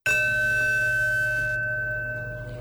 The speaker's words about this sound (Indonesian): Bel masuk, Pak. Mari kita mulai pelajaran.